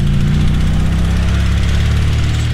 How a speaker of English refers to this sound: A dilapidated car that a company employee is driving along a dirt road. Professor puts down the control stick, and the drone flies itself to the car. The microcomputer inside constantly runs algorithms to keep it on course.